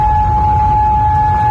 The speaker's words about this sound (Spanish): En Kuwait las sirenas han sonado por segunda vez en lo que va de noche.